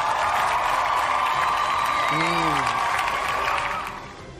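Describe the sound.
A crowd applauds steadily in a dense, continuous clatter of clapping, with a short rising cheer from a voice partway through, before the applause begins to fade at the end.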